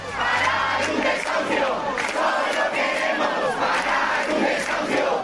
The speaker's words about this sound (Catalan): Centenars de persones romanen a la porta en aquests moments del domicili per intentar impedir el pas de la comitiva judicial que ha d'executar el desnonament i ja s'han produït les primeres càrregues amb agents antiavalots.